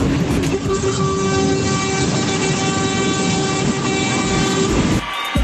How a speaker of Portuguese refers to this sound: olha o buzinaço.